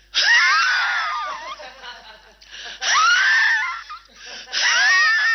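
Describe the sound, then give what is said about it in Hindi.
Three bursts of exaggerated, wheezy coughing from a film song, coughed in the background while the hero sings on screen, each a loud fit full of whooping, sliding tones, separated by brief pauses, with no speech over them. “ये उनके खांसी की आवाज।”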